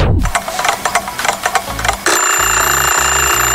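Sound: alarm clock ringing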